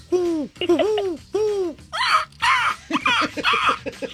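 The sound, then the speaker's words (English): A voice imitates a rock dove, giving a series of low, throaty coos that swell and dip, followed by several harsher, raspier bursts in an uneven rhythm. “It's a rock dove.”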